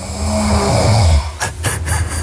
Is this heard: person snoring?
yes